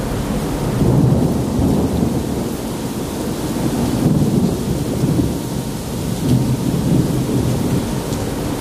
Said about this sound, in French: On est en train de passer Singapour. 5 heures du matin. C'est le goût d'un orage en mer.